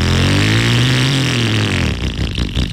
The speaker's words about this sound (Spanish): Es más, apaga esa moto. Porque te vas a ganar esta. Ya esa vieja, bótala.